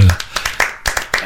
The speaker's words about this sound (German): Also so ein bisschen ekstatischer darf der Jubel schon sein.